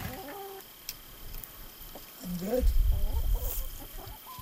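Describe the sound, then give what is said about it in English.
Several chickens cluck in short, overlapping bursts, with a low rumbling noise swelling underneath during the second half. “And we got lots of chickens, too.”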